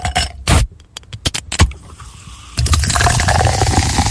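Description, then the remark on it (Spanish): A few sharp clinks of ice in a glass, then a steady rush of beer pouring over the ice and fizzing that continues to the end, with no voices. “A mí me gusta la cerveza con hielo. Me gusta agregarle su hielito a la cerveza.”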